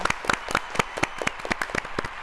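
applause

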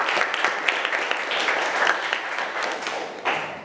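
classroom applause

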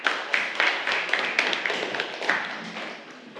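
applause from students

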